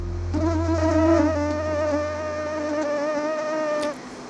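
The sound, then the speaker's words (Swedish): A mosquito's thin, high-pitched whine drones steadily for several seconds, wavering slightly in pitch before cutting off abruptly, with no voices present. “Myggsäsongen är här och nya myggarter kan sprida smitta i ett varmare klimat.”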